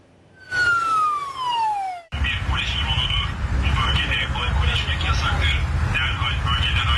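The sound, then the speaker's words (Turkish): A police drone's loudspeaker sounds a single loud, falling siren whoop, then an amplified voice warns people drinking alcohol in an open public area by the old city walls in Fatih, Istanbul, over steady outdoor noise. “Polis dronla böyle sesli uyarı yaptı. Bir polis dronudur.”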